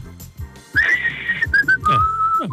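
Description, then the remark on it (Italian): A person whistles at the ski jumping stadium in Val di Fiemme, Trento, a thin, wavering tone that slides and breaks into short notes, sounding like an unsteady attempt, with breathy noise underneath and no talking. “Facci sentire uno svolo, dai, un fischio.”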